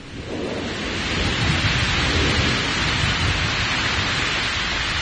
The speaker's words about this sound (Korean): 우리 소리가 거세지면서 강물 소리와 뒤섞여 하늘 땅을 쩡쩡 울렸다. 급기야 폭우가 쏟아지었다.